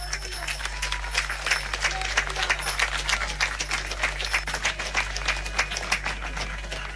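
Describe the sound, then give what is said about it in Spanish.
A crowd applauds steadily, many hands clapping in a dense, even patter that holds for several seconds at moderate volume, with a low electrical hum running underneath. “Les damos un fuerte aplauso.”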